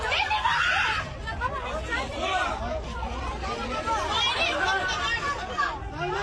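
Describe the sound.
Panicked passengers wearing life jackets scream and shout at once on a ship sinking off Girne, a dense, chaotic wall of overlapping voices that stays loud throughout, with higher shrieks rising above the babble.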